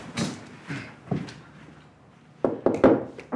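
Knocking on a wooden door: three spaced raps, a pause, then a quicker, louder series of four knocks, with no voices.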